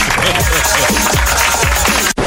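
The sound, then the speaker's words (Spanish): Loud, dense applause from an audience, a steady wash of many hands clapping with voices mixed in, continuing for a couple of seconds before cutting off abruptly. “Espérate, el aplauso ahora.”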